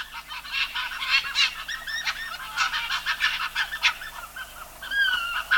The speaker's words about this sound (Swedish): Oj, det låter mer som fåglar. Ja. De låter inte som man tror, tycker jag i alla fall, fjällrävar.